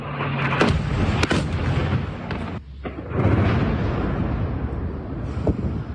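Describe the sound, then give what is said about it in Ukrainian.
Heavy explosions from Russian guided aerial bomb strikes on Dnipro, Ukraine, around 5 a.m., booming loudly, several sharp blasts rising out of a continuous, rolling rumble, with a brief lull partway through and no talking. “Три дні поспіль, в один і той самий час, близько 5 ранку, російські війська атакують центр області керованими авіабомбами.”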